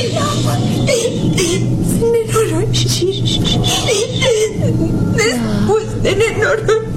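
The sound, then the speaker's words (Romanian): A child cries and whimpers in wavering, sobbing bursts, loud, with a busy background of other voices and noise throughout. “Nu plânge, nu plânge. Gata, gata, copile.”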